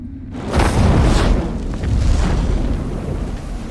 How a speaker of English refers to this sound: Suddenly, a patch of earth bursts into flames.